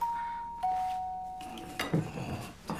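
A two-note doorbell chime rung by a pizza delivery, a high ding followed by a slightly lower dong, each tone ringing out and slowly fading, then some clattering and shuffling noises.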